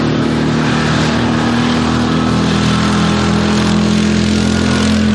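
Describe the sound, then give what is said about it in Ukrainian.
A small quad bike engine rumbles steadily for the whole stretch, a loud droning motor with a low throb, with no voices. It is heard on a front-line route in Ukraine used by Russian FPV drones, where quad bikes are a popular transport. “Або навіть гуркотіння мотору квадроцикла.”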